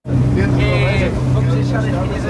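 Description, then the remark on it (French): A loud, steady engine of a Portuguese gendarmerie coast guard boat on a night patrol at sea off Lisbon drones with a deep, constant hum and a broad rush of noise, joined briefly by a higher mechanical whine partway through. “a embarqué avec les gardes-côtes de la gendarmerie portugaise lors d'une patrouille de nuit.”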